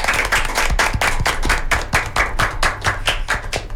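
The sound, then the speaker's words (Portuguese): Steady, rhythmic clapping from a small group on the Rádio Agnus Dei program Manhã Viva, sharp claps landing in an even beat for several seconds, loud, with no talking over it. “Palmas!”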